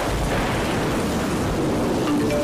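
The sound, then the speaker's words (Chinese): Rain starting to fall hisses steadily across everything while a deep, low thunder rumble rolls underneath, continuous and fairly loud for the whole stretch, with no voices. “开始下雨了，大家注意交通安全。”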